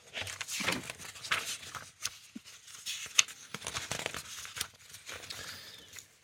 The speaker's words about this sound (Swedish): Jag bläddrar fram den så ser vi vad vi hittar där.